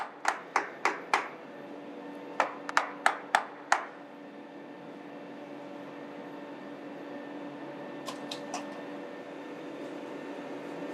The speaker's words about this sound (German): Die Kappe ist aus Gummi. Sie wird vor dem Auflegen angewärmt. "70 Grad hat's. Es tut schon weh, wenn man es länger in der Hand hat." Damit sie richtig gut hält, wird geklopft.